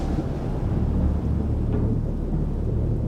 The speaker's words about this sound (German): Superzellen nennen die Meteorologen die großen, lang anhaltenden Gewitter. Sie rotieren um ihr Zentrum.